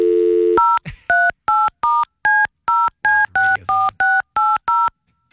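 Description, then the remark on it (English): A steady dial tone is followed by a quick series of eleven keypad beeps, each a short two-tone chirp, as a phone number is dialed to call Colin in a sales department, with no talking. “I'm going to call Colin and see if he'll pass the phone around the sales department.”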